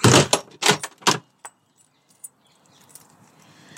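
Keys jangle in a few loud, rustling bursts as someone puts their shoes on to leave the house, followed by a couple of sharp clicks of a door, then quiet outdoor ambience rises faintly as they step out the front door into sunshine and a breeze.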